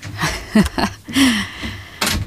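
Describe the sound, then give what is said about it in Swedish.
A studio door is pushed and slammed shut as a person leaves the studio, a few sharp, knocking thuds spread over a couple of seconds, with a brief murmur of a voice in between. “Du får smälla i dörren sen så vi hör att du verkligen har gått ut.”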